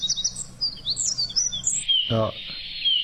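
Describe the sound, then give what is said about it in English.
Quick, high bird chirps give way to a long, steady whistle held at one high pitch, with a brief low voice-like sound breaking in partway through. “Oh, I'd call that a flat whistle.”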